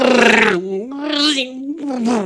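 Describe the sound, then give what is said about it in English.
A voice imitates a car engine revving: a loud, buzzy, throaty drone that surges up and down in pitch through about three revs, with no other sound around it. “A relaxed day listening to cars going...”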